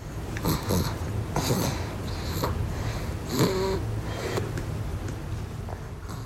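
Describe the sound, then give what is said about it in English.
Soft, irregular snuffling snores of a baby asleep on his mother's chest, a few short nasal snorts and sniffs with one brief squeaky, voiced breath midway, over a steady low background hum. “If you're very quiet, you might be able to hear this sort of baby snoring here.”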